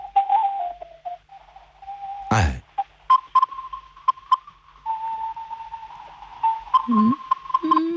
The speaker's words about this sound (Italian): Un eco lontano di ocarina.